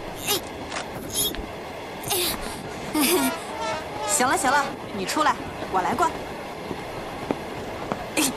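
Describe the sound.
A steady, rushing rumble of an old green passenger train travelling through the snow-covered Qinling Mountains toward Guangyuan, Sichuan, with a window opened, cold wind noise filling the carriage while several people talk and exclaim over it.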